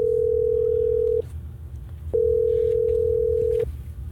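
A steady telephone tone sounds twice, with a short break between, over a low background hum, as hosts of radio station Hot 104.9 in Tallahassee phone a listener on air; no one speaks.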